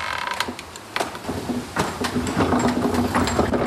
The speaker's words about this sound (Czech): Já vám rozjedu měch.